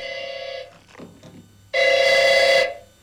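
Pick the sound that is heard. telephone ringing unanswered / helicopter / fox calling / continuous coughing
telephone ringing unanswered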